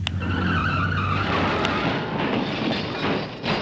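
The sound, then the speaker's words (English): Loud tire screech from a car skidding into a collision, with a sustained squealing tone and engine rumble, then a sharp hit that gives way to a burst of rough, crunching noise that gradually settles, with no voices. “The risk of being involved in a collision is four times higher for drivers when using a mobile phone.”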